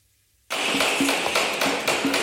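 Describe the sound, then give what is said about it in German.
Rapid, fairly steady hammering or knocking in Fulda, Germany, as things are set up for the Hessentag festival, starts abruptly and continues as a loud series of sharp strikes over a dense layer of background noise. “Überall in Fulda hört man es hämmern oder klopfen und manchmal auch ein wenig leise fluchen.”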